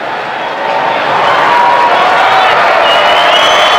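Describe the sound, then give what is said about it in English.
A large stadium crowd at a Cardinals baseball game, during Gorman's at-bat, cheers in a loud, continuous roar that swells after a brief moment and holds steady, with scattered whistles and shouts rising from the mass of voices. “The crowd has filled in quite a bit.”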